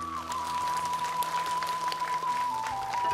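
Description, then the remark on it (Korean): An audience applauds steadily for about three seconds, a dense, even patter of clapping at constant volume, with a faint sustained tone humming underneath, applauding the monk Jagak Seunim after his welcome address at a Buddhist gathering. “자비심 넘치는 따뜻한 환영의 말씀을 주신 자각스님께 박수 보내겠습니다.”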